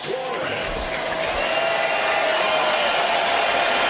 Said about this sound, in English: Suarez getting a nice reception here from the Chase Field crowd. He will tip his cap as he makes his way to the plate, into the box.